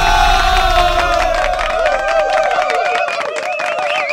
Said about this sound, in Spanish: Mucho aplauso, fíjate. Oye, me sentí yo en el auditorio, así que toda la gente aplaudiéndome y aplaudiéndome. Me sentí yo así como que en un gran recinto, dices.